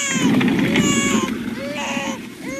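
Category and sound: human body sound, baby crying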